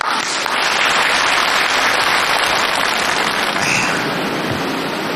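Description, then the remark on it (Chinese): An audience claps steadily to welcome a guest from the Peking opera world, with dense, loud applause holding at an even level throughout, a broad crackling wash of many hands and no voices. “我们有京剧界的人今天来了，木鱼老师到现场了，大伙儿给鼓掌。”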